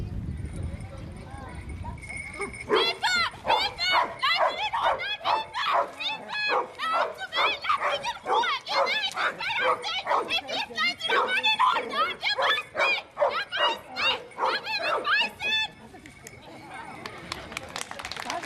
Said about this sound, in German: müssen sie bei der jeweiligen Person bleiben und durch lautes Bellen signalisieren, dass sie jemanden ausfindig gemacht haben